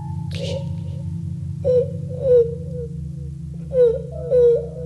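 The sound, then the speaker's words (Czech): A child cries in several short, rising wails that come and go over a few seconds, heard above a steady low droning hum. “Ty pláče nějaký děcko.”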